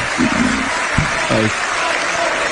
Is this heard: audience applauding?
yes